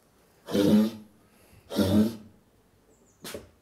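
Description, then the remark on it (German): Two rough, throaty coughs about a second apart from a female brown bear having a coughing fit in its straw-filled den, followed by a shorter third huff, with no talking. “Ja, die hat jetzt einen kleinen Hustenanfall.”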